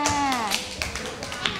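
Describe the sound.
A small group in a classroom claps for group 3 in scattered, uneven bursts of sharp hand slaps, with a voice speaking over the applause.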